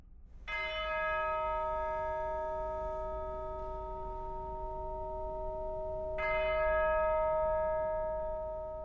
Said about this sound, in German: Die Einspielung beginnt mit 6 Glockenschlägen. Damit setzt sie gleich einen ernsten und feierlichen Ton für die Totenmesse von André Comprat.